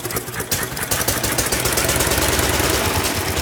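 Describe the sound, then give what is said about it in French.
A two-cylinder, water-cooled engine with magneto ignition is started with a hand crank. It catches after a few irregular bursts, then settles into a steady, rapid chugging idle with a rhythmic low-pitched pulse and mechanical clatter. “Vous pouvez le mettre en marche, s'il vous plaît. La manivelle, là, oui.”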